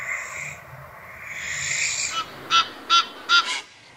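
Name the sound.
barn owl screech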